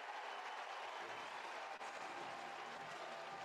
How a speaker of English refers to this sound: And a big swing and K for Cole to get the crowd into it. Two outs now.